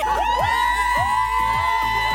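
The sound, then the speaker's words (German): A packed crowd of fans at a K-pop concert screams and cheers nonstop, a loud, high-pitched wall of shrieks with rising whoops piercing through, sustained across the whole moment without a break. “Ja, ich glaube, das mit dem Schreien können wir uns jetzt alle sehr, sehr gut vorstellen.”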